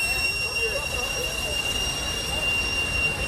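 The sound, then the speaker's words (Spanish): A steam whistle from the vertical steam exhaust chimney of a sweet potato vendor's cart, which sells roasted sweet potatoes and plantains, lets out a continuous, piercing high-pitched tone over a steady rushing hiss, unbroken and fairly loud for the whole stretch. “Su sonido característico no se escucharía tan fuerte y tan lejos sin el sistema de escape vertical de vapor que funciona como chimenea en el carrito de camotes.”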